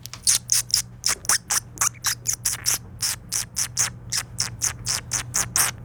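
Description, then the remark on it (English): A person whistles a bird call imitation into the mic, a rapid string of sharp, high chirps, about three per second, repeated steadily, with a faint low hum underneath and no talking. “I don't need you to do anything, only if you're ever so inclined to, because you want to, see which bird call is better. So here's mine.”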